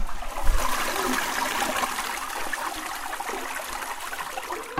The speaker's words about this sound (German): Klospüler.